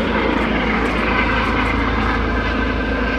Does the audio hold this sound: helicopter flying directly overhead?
yes